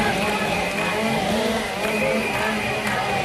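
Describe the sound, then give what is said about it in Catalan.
Several chainsaws run together in a loud, steady, buzzing engine drone that never lets up, with faint chanting voices barely audible beneath the noise, during a protest march by forest firefighters in Jaca, Aragon. “Tot i que el so dels motoserres camufla els càntics, els participants han clamat durant tota la marxa "Bombers forestals són fonamentals".”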